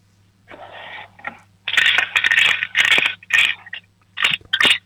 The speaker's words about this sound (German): Dann laufst du jetzt mal in dein Zimmer und holst deine Spartbüchse, weil wir würden gerne wissen, wie viel du schon gespart hast. Schüttel sie mal für uns.